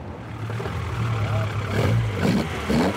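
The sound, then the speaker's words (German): A 1973 Opel Ascona A engine, a replica of the rally car driven by Walter Röhrl and Jochen Berger, runs at the classic-car filling station in Rothenburgsort with a steady, deep rumbling drone that swells slightly as it revs, with faint voices mixed in toward the end. “Das ist ein Opel Ascona A aus dem Baujahr 73, so wie ihn damals Walter Röhrl und Jochen Berger in der Rallye-Europameisterschaft und auch Weltmeisterschaft gefahren haben.”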